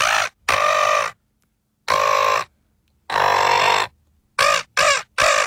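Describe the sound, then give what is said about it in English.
A person imitates a seagull with loud, nasal squawking calls: a few drawn-out cries separated by pauses, then three quick short squawks at the end. No talking. “This is a human doing a seagull.”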